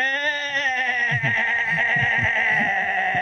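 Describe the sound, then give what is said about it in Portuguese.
A billy goat gives one long, loud, quavering bleat that lasts a few seconds, its trembling nasal tone wavering throughout, with no talking. “Agora aqui, Marcelo, vai o berro do teu bode aqui, ó.”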